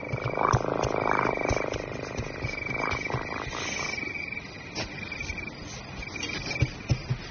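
cat purring

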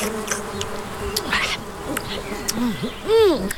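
housefly buzzing

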